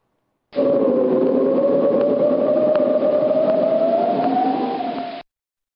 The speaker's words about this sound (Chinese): 同学们，你们听到了吗？一阵呼呼的风声。冬天已经来到了，同学。